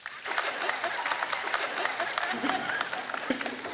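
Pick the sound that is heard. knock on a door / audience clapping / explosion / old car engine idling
audience clapping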